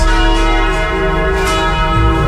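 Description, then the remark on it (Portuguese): Church bells in Jequié ringing loudly and continuously at 11:44, heard over the radio, their rich overlapping tones sustaining and blending into a dense, resonant wash with no voices present. “Os sinos estão anunciando que chegou a hora da graça.”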